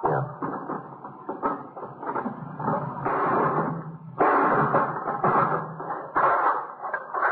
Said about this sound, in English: Do you know where the key is for the lock? No. Guess it happened. Give me that hammer. Yeah. You gonna break the lock?